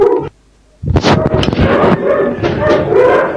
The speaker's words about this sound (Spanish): Y los perritos, obviamente, todos a ladrar, ¿no?